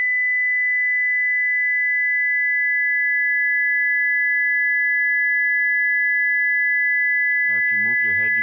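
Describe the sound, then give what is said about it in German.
Two steady pure tones sound together at a high pitch, held unbroken and fairly loud for several seconds, before a voice begins speaking over them near the end. “Eine zweite kommt dazu.”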